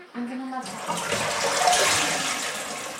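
Water runs steadily into a hand-operated toilet cistern, a continuous hiss and rush that starts just after a brief voice and carries on without pause.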